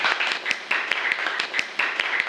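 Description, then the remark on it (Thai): A class applauds group one during a lesson, a steady stream of many quick overlapping claps with sharp individual slaps standing out, fairly loud and sustained with no talking. “ปรบมือให้กลุ่มที่1หน่อย”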